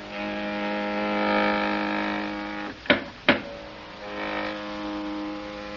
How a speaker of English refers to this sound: in trying to escape from one of the Euclidean guards, they are climbing down the inside of an elevator shaft when the elevator starts down after them.